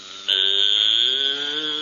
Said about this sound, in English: Get away from that cow. Is that a cow?